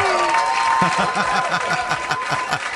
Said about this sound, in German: Das Lied kenne ich. Und das ist mir schon mal einen Applaus wert. Super!